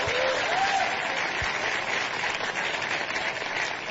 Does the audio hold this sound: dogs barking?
no